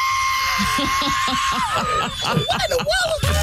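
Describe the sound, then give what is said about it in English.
A man vocally imitates a jet plane's screeching whistle: a loud, sustained high tone that dips and wavers partway through, with rough breathy vocal pulses underneath. “And I heard a screech. I saw that between a screech and a whistle.”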